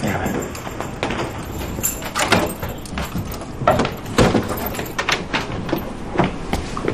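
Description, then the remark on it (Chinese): Keys jangle and clink in a lock, followed by the clunk of a door being unlocked with a key and pulled open by police, with a few sharp metallic clicks and faint voices. “好，来，慢点，来，这把钥匙。”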